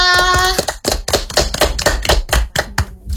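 A brief sustained tone fades into a steady run of sharp claps, about four per second, loud and crisp with no one talking, like a small burst of applause after a poem recital.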